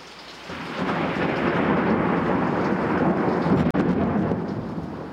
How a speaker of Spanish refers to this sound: Yo estaba en el establo ordeñando las vacas cuando llegó una terrible tempestad con terribles relámpagos.